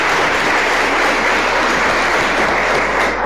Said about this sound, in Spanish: Y de forma especial, hoy que es el cambio de mando, agradezco muchísimo a Rumipamba de Espinosas, los priostes mayores del año 2025. Y les damos un aplauso a los priostes también del año pasado.